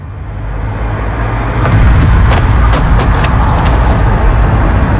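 Steady, loud road traffic rumbles, with vehicle noise building after the first couple of seconds and brief higher whooshes and clicks as cars pass.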